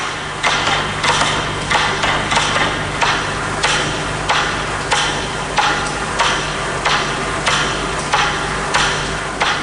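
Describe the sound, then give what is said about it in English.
A single metronome ticking steadily with crisp, evenly spaced clicks about every half second, fairly loud, over a faint hum and a wash of reverberant noise, with no voices. “Eventually, there are only a handful left ticking. And then, just one final metronome.”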